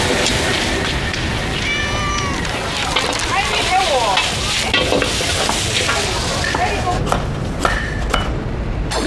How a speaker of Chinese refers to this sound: 炒菜点锅的一个锅气是越来越旺了